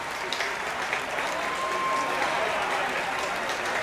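Sustained applause from a large audience at an outdoor opening-night concert in Oosterpark, Amsterdam. The audience is clapping for the Concertgebouw Orchestra and conductor Hannah Chang after Elgar's Nimrod from the Enigma Variations. It is a dense, steady wash of clapping that stays loud throughout with no voices standing out.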